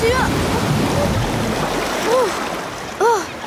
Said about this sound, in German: Mann, das war aber eine große Welle. Und das Wasser habe ich auch geschluckt. Das ist ja ganz schön salzig.